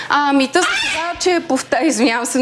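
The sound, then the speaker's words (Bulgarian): Tame pet birds squawk and chatter in a studio in a rapid string of harsh, bright calls, loud, with brief gaps between bursts. “Няма как птиците да им кажем да си замълчат.”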